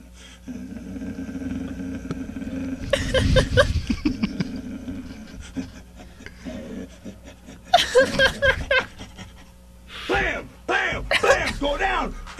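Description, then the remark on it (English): A man's voice imitates a dog in several loud bursts of gruff barks, growls and panting, separated by pauses over a steady low hum. “making dog noises”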